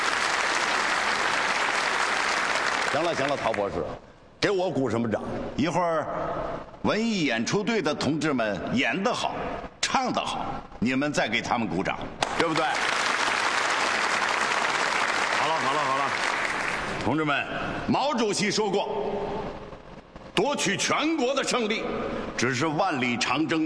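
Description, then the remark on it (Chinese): A crowd of comrades at a base bursts into steady, loud applause congratulating the flight test team on a simulated ski-jump takeoff test, fading as a man starts talking; the clapping swells again midway under his voice before he continues speaking. “给我鼓什么掌？”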